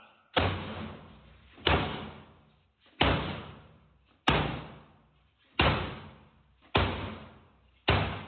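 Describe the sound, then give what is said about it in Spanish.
Police forcing open an apartment door during a raid: seven heavy, booming blows land at a steady pace about a second apart, each one loud with a short reverberant tail, and no voices. “¿Cómo es irrumpir en un apartamento?”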